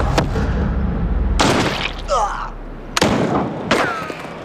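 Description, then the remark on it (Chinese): Several loud, sharp gunshots ring out: a shot from a Type 6.40 pistol, then a heavier sniper-rifle crack, then more Type 6.40 pistol fire, spaced irregularly with brief vocal cries between them. “你应该听出来，第一声枪响是6.40式手枪的声音，第二声枪响是狙击步枪的声音，之后的枪声全部是6.40式手枪的声音。”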